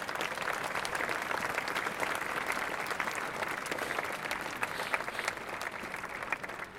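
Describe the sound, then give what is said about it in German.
An audience applauds the Bürgerstiftung Reutlingen, a citizens' foundation supporting a memorial. A dense wash of many hands claps steadily for several seconds at a fairly even level, with scattered sharper claps standing out and no voices over it. “Bitte ein Applaus für die Bürgerstiftung.”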